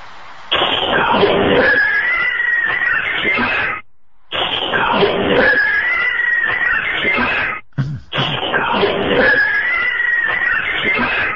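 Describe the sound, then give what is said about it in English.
Cats fighting and screeching, recorded inside a restaurant: three long, loud, raspy yowling bursts, each lasting a few seconds, separated by brief silences. “This one sounds like cats getting into a fight.”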